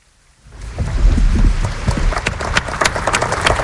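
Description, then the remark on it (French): After a brief hush, a crowd breaks into applause following a homily delivered by Pope Leo XIV, swelling quickly into a dense, steady patter of many hands clapping, with sharper individual claps standing out toward the end. “Tous les applaudissements et aussi le recueillement qui va suivre de cette homélie prononcée par le pape Léon XIV.”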